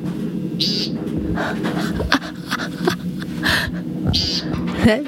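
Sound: american woodcock call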